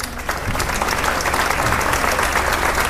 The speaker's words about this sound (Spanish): Esta feria sin los luthiers sería imposible, con lo cual les pido un aplauso para todos ellos.